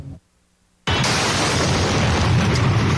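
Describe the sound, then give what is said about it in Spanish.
After a brief near-silence, a sudden, deafening blast from an explosives attack on Joaquín Orrantia avenue, in front of a shopping centre in northern Guayaquil, in October 2025, erupts and becomes a harsh, sustained roar of noise for a couple of seconds, loud, with no voices. “La explosión registrada en la avenida Joaquín Orrantia, frente a un reconocido centro comercial del norte de Guayaquil, estremeció a la ciudad en octubre de 2025.”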